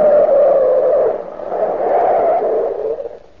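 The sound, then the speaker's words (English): A car brakes to a stop with a loud, drawn-out tire screech that wavers in pitch and then fades as the vehicle halts. “Stop the car.”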